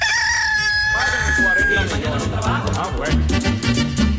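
A loud rooster crow rings out, then gives way to busy chicken clucking, all layered over a dense, steady background bed.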